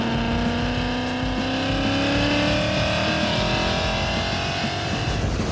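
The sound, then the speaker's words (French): The 5-litre Ford V8 of a Mustang, fitted with an added supercharger and making about 600 horsepower, roars loudly and steadily, its pitch rising slowly as the revs climb over several seconds, with no voices over it. “On a un V8 5 litres d'origine Ford, moteur de la Mustang.”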